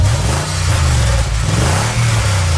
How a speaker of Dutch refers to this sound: Het geluid van een ronkende motor.